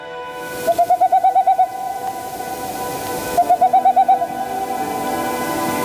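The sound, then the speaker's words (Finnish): Two quick bursts of soft, hooting dove coos, each a run of about eight rapid notes, separated by a short pause, with a faint steady hum underneath and no voices. “Tu käymään, pa kirje, vapauta kyyhky, moi!”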